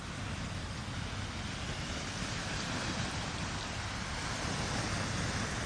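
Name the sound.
sea waves breaking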